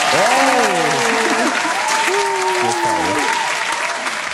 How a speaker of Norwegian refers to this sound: Kan vi få en applaus fra salen for quizene? Ja, en som kan klappe her.